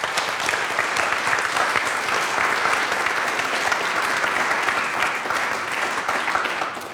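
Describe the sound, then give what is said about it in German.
Steady applause from an audience fills the whole seven seconds, a dense, even patter of many hands clapping at constant loudness, easing off slightly at the very end. No one speaks over it. “Also vielen Dank und vielleicht haben wir für die Kolleginnen und Kollegen noch einen kleinen Applaus.”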